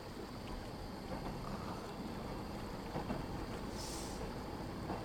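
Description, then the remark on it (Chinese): A steady, loud rumble of a passing train fills the scene, with broad roaring noise and no clear pauses, continuous throughout. “这个时间不该有火车的呀。”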